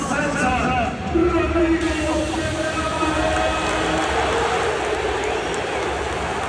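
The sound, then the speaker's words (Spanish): A big crowd at the Camp Nou stadium applauds and cheers FC Barcelona's new midfielder at his presentation in one steady, loud wash of clapping and shouting, with a few voices and whistles rising above the roar early on. “El sonido, aparte de los discursos y demás, ha sido cuando el Camp Nou se ha rendido a su nuevo mediocentro.”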